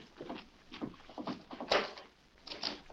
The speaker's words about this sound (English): All right, open the door.